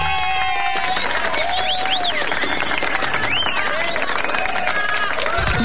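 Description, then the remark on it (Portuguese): A round of applause for a motorcycle repair shop serving Riritaba and the surrounding region: dense, steady clapping from a crowd lasting several seconds, with high rising whistles and scattered cheers mixed in over the noisy wash of hands. “Uma salva de palmas para o de Assis Marinho e a sua oficina de motos, prestando serviço brilhante para Riritaba e toda a região.”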